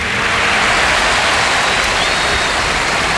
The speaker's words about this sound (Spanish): Y especial la ovación. A todo cor, muchas gracias. Gracias a toda la afición del Barça por parte de Hansi Flick.